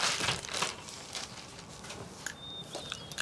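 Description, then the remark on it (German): A small plastic bag crinkles and crackles in quick, irregular bursts of crisp, hissy rustling that continue throughout, with a faint thin high tone near the end. “Und das Tütchen am besten auch noch mitnehmen.”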